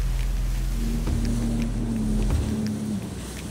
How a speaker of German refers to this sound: Also wir haben es heute relativ windig. Das macht manche Manöver etwas schwieriger, aber im Grunde können wir hier dennoch Strömung und Wind für uns ausnutzen.